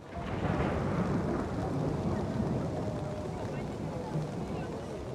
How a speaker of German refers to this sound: Und dann regnet es.